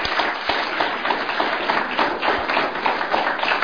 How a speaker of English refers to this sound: So can we give them a round of applause, ladies and gentlemen?